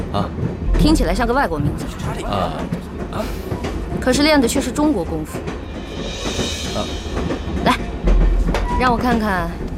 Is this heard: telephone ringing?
no